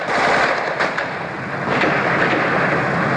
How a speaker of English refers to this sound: As I speak, the gun turret of the Soviet combat tank is sweeping backwards and forwards above my head. You can probably hear the crack of automatic weapon fire from the armored vehicles.